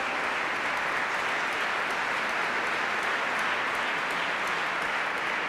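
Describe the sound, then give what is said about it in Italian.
An audience applauds steadily for several seconds to welcome a choir from Bratislava, Slovakia, a dense, even wash of many hands clapping at a constant loudness with no voices over it. “Bene, un applauso di benvenuto anche alla corale della Slovacchia da Bratislava.”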